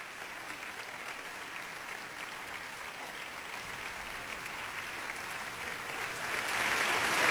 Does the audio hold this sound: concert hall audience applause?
yes